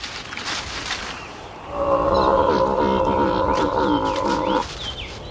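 A loud, drawn-out donkey bray lasting about three seconds, rich and harmonic, rising out of a quiet outdoor background with faint bird chirps.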